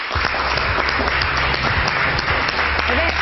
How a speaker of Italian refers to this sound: Applausi a non finire per questa donna di eccezionale valore.